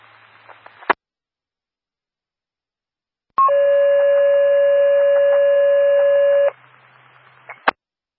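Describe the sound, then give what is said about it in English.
Fire radio paging tones from County Fire Control, sent for additional manpower for Stony Creek Fire Engine 380 at a brush fire on Warrensburg Road: a brief pitch jumps into one long, steady electronic tone lasting about three seconds, framed by hissy radio static and sharp squelch clicks before and after. “Can you do a set of tones for additional manpower for us?”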